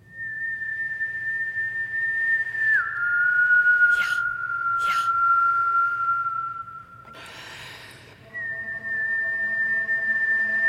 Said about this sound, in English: And I started whistling.